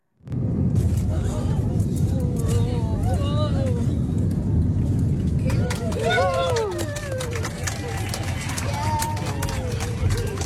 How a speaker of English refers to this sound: Holy moly. That was fun. That was her plane landing in Perth at the weekend. I did notice a lot of people saying it was the roughest landing they'd ever experienced.